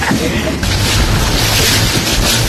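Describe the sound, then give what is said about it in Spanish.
A recreational motorboat roars steadily across choppy Lake Ilopango at Apulo recreational park in El Salvador, its low engine drone buried in loud rushing wind and splashing waves, continuous throughout. “Pasear en lancha en el lago de Ilopango es parte de la diversión, un viaje de recreo que nacionales y extranjeros disfrutan al visitar el parque recreativo Apulo.”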